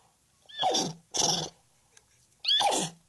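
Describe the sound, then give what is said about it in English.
A woman imitates a horse neighing with three loud whinnying bursts; the first two come in quick succession and the third follows after a short pause. No other talking. “Would you like to hear of her speaking neigh?”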